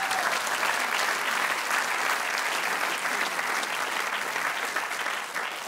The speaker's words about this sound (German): Da klatschen alle, die damals beim Bau nicht verstorben sind. Das ist schön.